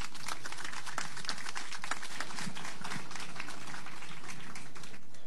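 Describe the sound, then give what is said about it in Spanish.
A crowd applauds steadily for several seconds, a dense, crackling wash of many overlapping claps with no voices, welcoming the Minister of Education, José Antonio Chan Escobedo, who is to present the Education Sector Action Plan 2026-2031. “Lo recibimos con fuertes aplausos.”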